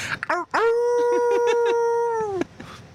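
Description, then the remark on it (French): A person imitates a wolf with one long, steady, loud vocal howl held for about two seconds, after a few short yelping lead-in sounds. “Et un loup.”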